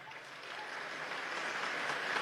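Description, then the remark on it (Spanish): A crowd claps steadily for about two seconds, a dense, even wash of many hands with no voices, holding at a fairly constant moderate level. The audience is applauding one of the contestants to help choose the two finalists. “Aplausos para Raúl Muniz.”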